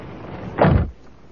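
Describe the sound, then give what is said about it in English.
A door slams shut once, in pouring rain, with a heavy, booming thud that rings briefly, standing out loudly against a steady background hiss and faint rumble, with no voices. “You didn't have to slam the door.”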